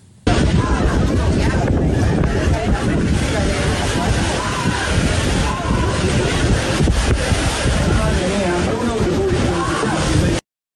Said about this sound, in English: Now, get ready for astonishing new footage. It's showing dozens of illegal immigrants on a small boat arriving on a beach in southern Spain. Take a look.